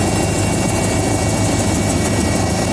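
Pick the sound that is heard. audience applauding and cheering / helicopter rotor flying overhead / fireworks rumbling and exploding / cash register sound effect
helicopter rotor flying overhead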